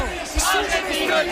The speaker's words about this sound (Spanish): Y esto lo escucháis, compañeros, ¿no? Gritos de argentino, el que no vote, y Fabián, Borja Iglesias, Rodri, todos salen a saltar en primera fila.